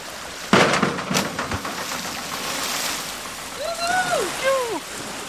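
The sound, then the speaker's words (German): A heavy, sudden splash as a person does a cannonball jump into pool water, followed by seconds of churning, sloshing water, with a few voices calling out toward the end. “Du bist auf jeden Fall Arschbombenprofi. Deswegen wirst du mir gleich erstmal zeigen, wie das funktioniert.”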